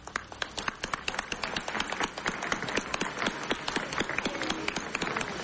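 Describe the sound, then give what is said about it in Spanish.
Deputies in a legislative session applaud Deputy Giuseppe Alessandrero on his birthday. Many hands clap in a dense rattle for several seconds at an even, moderate loudness, with no voices over it. “Aplaudido y abrazado el diputado Alessandrero.”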